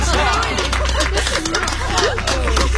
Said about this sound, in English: A great cheer went up from the gathering.